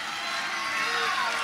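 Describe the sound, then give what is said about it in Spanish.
A crowd applauds steadily, a dense, even wash of clapping with faint cheering and voices mixed in, holding at a constant level throughout. “No, mire los aplausos, escuchen los aplausos, escuchen la gente.”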